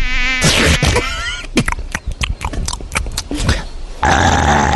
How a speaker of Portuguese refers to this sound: Ai, mais uma mosca, mais uma mosca.